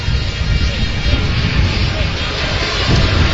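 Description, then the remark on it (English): Strong wind buffets a microphone at a soccer match in a loud, continuous roar, heavy in rumbling low tones, with gusty surges that swell and ease across the few seconds. “It's so windy.”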